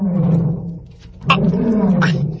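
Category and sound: animal, tiger roaring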